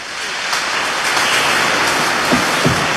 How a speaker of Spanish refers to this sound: Los que ya se han consagrado, 73, levanten la mano. ¿Cuántos son 73? También un aplauso a todos ustedes, felicidades.